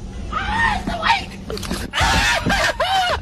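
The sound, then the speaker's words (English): A male sheriff's deputy in Trinity County, Texas, lets out several loud, high-pitched screams of fright in quick succession when a deer he thought was dead moves. They are panicked yelps and cries with rough breathy strain between them. “Unfortunately for our friend, the whole internet heard that scream and couldn't help but comment.”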